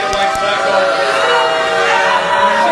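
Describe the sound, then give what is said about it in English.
A crowd at a meeting boos loudly and continuously in reaction to the approval, in April, of the Metroblox data center in the Martindale-Brightwood community, a dense mass of many voices forming a sustained, roaring wash of disapproval with no pauses. “That loud booing you just heard was the crowd's reaction when it was approved back in April.”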